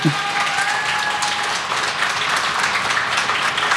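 Sustained applause from an audience, a dense, steady wash of many hands clapping at even loudness for several seconds, with a faint tonal whistle or voice briefly at the start.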